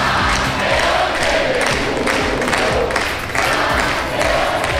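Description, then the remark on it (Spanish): A large crowd in the town of Haro chants "world champions" in unison as it welcomes national team coach and world champion Luis de la Fuente, a loud, steady roar of many voices with rhythmic pulses of shouting and cheering running through the whole stretch. “Al grito de campeones del mundo, el municipio jarrero recibía al seleccionador nacional y campeón del mundo, Luis de la Fuente, que se mostraba visiblemente emocionado.”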